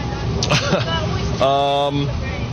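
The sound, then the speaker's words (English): Steady rumbling drone of a moving bus interior carrying young baseball players, with constant engine and road noise throughout, and indistinct voices murmuring briefly over it. “You know, maybe someone on this bus is going to be, you know, a big leaguer one day”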